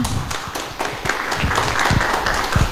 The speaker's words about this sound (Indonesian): Tepuk tangan untuk teman kita.